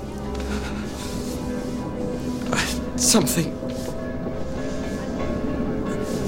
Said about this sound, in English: Seeing the train... Watching the fields race by, I...